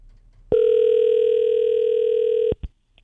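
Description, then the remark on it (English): A telephone rings out on the line while a call is placed to a contest winner: one steady electronic tone holds for about two seconds, then cuts off with a brief click. No one speaks. “Let's make the phone call and make another person happy today.”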